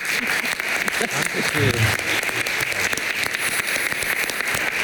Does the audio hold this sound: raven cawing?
no